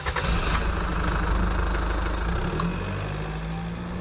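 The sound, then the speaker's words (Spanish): A car engine turns over and catches, then settles into a steady, low rumbling idle as the car sets off toward friends' house, with no voices present. “E, bueno, como temos os bombóns, xa podemos coller o coche e poñer rumbo á casa dos nosos amigos.”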